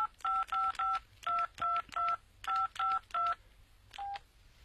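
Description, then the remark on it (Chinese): A mobile phone keypad dials another mobile phone's number: about ten clear, beeping touch-tones in three quick groups of three, then one final tone after a pause, fairly loud over a faint low hum. “那，用你的手机打他的手机。”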